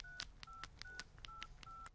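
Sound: telephone dialing tones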